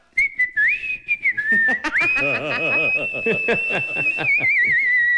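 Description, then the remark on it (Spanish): A person whistles a long, warbling birdlike tune imitating a canary, with trills and sustained high notes, while laughter and chuckling bubble up underneath throughout. “va el canario, ya le vamos a poner el canario en la radio.”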